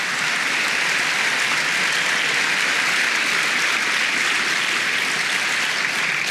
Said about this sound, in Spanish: Oh, dele palmas al Señor, dele palmas, dele palmas.